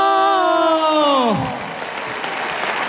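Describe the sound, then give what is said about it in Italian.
A loud, long whistle slides downward in pitch over an audience's dense applause as the overall winner of Musicultura 2026 is announced, then fades out, leaving steady clapping and crowd noise. “Allora, qualcuno applaude in maniera molto convinta, qualcuno fischia.”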